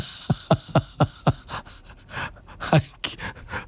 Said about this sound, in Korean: 우리 댕댕이가 아침에 일을 저질렀네요. 식탁 위에 있던 샤브샤브 국물을 너무나 맛있게 먹고 있지 뭐예요.